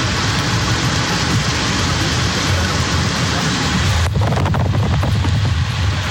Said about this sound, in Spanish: Ya está la ruta G16, ahí en la zona de Pudahuel, a las afueras de Santiago. Muchísima agua en ese estero, cerca del camino Los Echevers. Mucha agua.